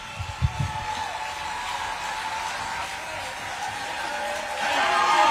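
Steady applause from an audience, a dense wash of clapping that holds for several seconds and swells louder toward the end, with a couple of low thumps near the start.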